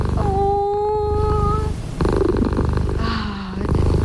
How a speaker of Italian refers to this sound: È vero che hanno un potere terapeutico queste fusa, prenditele tutte